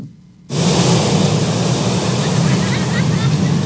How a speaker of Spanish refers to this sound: Este fin de semana el fenómeno del mar de fondo se resintió en las playas de Acapulco. El alto oleaje se notó con fuerza en Playa Papagayo, así como en Caleta y Caletilla.